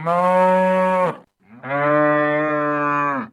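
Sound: cow mooing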